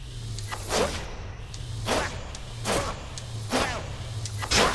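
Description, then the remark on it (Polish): A video game bow charging effect, heard as the player charges the bow to shoot an arrow, repeats about five times: sharp, airy whooshing swishes in a steady rhythm over a low, constant hum, with no talking. “I mamy tutaj, jak ładujemy, taki jeden dźwięk.”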